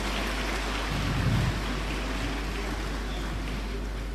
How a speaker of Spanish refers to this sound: Ahí el aplauso para ….